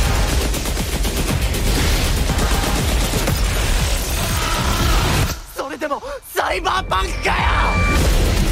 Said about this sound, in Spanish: Bueno, tremendo tráiler, tremendo sonidos, ¿qué es esto? Este refrito electrónico, la estática, el glitch, se trata de lo nuevo de Cyberpunk. Hace unas horas Netflix ha sacado el teaser de la segunda temporada de Cyberpunk Edgerunners